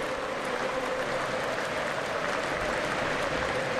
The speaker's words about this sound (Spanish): Tranquilo, van 20 minutos, gana el Liverpool 1-0, todo el estadio se pone de pie y aplaude a los 20 minutos por el número 20 que usaba Diogo Jota.